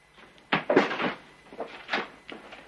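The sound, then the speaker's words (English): A back door bangs and rattles open, followed by a few quick, lighter thumps as a terrified woman runs out to a waiting carriage. Nobody speaks. “runs out the back door to a waiting Pompey, still sitting in his carriage.”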